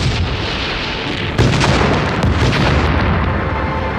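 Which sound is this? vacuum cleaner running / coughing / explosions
explosions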